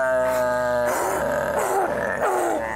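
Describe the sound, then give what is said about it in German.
A dog gives loud vocalizations on cue during a trick demonstration, after the command to be loud: a steady, tonal whine-like sound for about a second, then a series of wavering, rising and falling barky yowls, with no talking. “Jetzt machen wir mal laut.”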